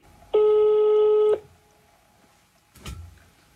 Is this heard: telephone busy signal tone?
yes